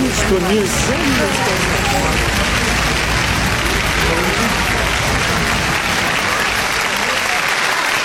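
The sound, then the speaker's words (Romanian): A theatre audience applauds loudly and steadily, a dense wash of clapping mixed with scattered shouts and cheering voices throughout, sustained at full volume for the whole stretch. “Ascultă cum răsună teatrul întreg de strigăt, de aplauz.”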